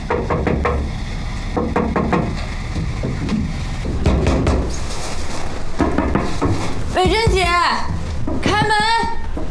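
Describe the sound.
Repeated sharp knocks on a door land in uneven bursts over steady background noise, and a voice then calls out loudly near the end.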